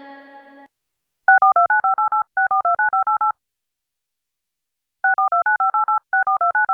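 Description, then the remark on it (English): Rapid bursts of touch-tone telephone dialing beeps, several quick tones in each run, in four clusters separated by a long pause, loud with no talking. “I know you hear the sound, so the phone lines are open.”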